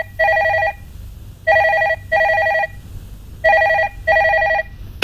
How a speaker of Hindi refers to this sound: अरे बस एक मिनट, ये फोन भी ना कभी भी बज जाता है।